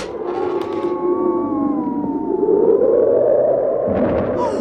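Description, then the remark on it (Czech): Blizzard wind howls steadily for several seconds, with snow lying knee-deep, a loud rushing roar with eerie, wavering whistling tones that rise and fall on top, swelling slightly toward the end. “Prokrýle, pane, to je fujavice. A krop je tu až po kolena. A vítr mi vzal čepici.”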